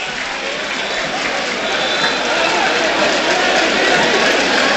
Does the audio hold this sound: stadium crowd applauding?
yes